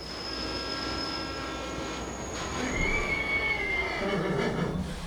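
A steam train rumbles steadily along the rails, with a high metallic wheel squeal rising partway through over the continuous clatter. No voices are heard.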